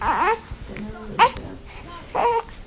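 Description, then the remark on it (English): A newborn baby boy, 10 days old, gives three short, fussy cries, each a brief wavering wail separated by quiet pauses, with faint room sounds between them, as his mother holds him in a bedroom of a family home in the historic quarter of Nablus City. “holds her newborn baby boy,”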